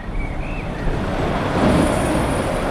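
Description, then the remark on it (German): A truck rushes along a street in an industrial area in the east of Hamm, Westphalia, in the Uentrop district, in early evening, its broad, steady roar swelling slightly midway and holding, with no one speaking. “Nur gelegentlich rauscht noch ein LKW die Straße entlang.”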